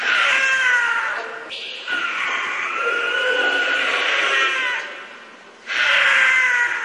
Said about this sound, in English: Holy cow. Wow. That is the scream of a cougar. That's super creepy. It's a large brown wildcat that is native to North and South America, from the tip of Argentina to central Canada and all across the United States. The cougar is ubiquitous.